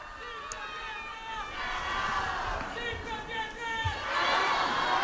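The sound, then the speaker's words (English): A large outdoor crowd in Castel Gandolfo cheers and calls out continuously as the Pope arrives for the Sunday Angelus, many voices overlapping in a steady, excited roar that swells louder toward the end. “And very happy crowds here in Castel Gandolfo.”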